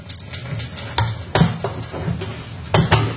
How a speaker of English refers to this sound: And now I'm going to run some of that sterilising liquid out through the tap to sterilise that part properly.